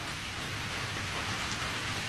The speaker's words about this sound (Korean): 기승을 부리는 폭우의 울부짖음이 그의 귓전으로 흘러들었다.